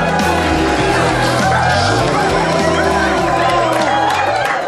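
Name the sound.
audience applause and cheering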